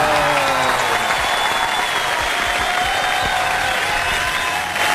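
A crowd claps steadily, dense and loud throughout, with a few faint voices mixed into the applause, welcoming a new member of the TCI program team.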